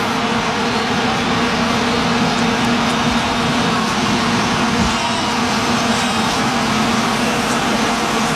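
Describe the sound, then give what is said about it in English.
A dense, unbroken drone of many vuvuzela horns blaring together on one buzzing low note, loud and steady for the whole stretch, like a swarm of angry bees. “Yes, vuvuzelas. Those long trumpet-looking horn things.”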